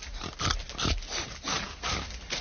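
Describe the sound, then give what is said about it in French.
Three large pigs grunt and snort repeatedly while being fed, a busy overlapping stream of rough, throaty noises with no talking. “Le mari est en train de donner à manger au cochon.”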